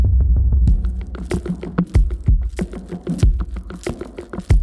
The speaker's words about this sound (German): Dieser Puls, den habe ich irgendwie gefühlt. Und der geht dann ja in den Beat über.